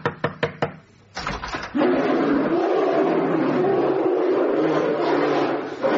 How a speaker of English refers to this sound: Yeah, you see, the unmistakable sound of the sound effect disc of an enormous brown bear. Because in the town of Jerovo, in western Croatia, they've got a small problem.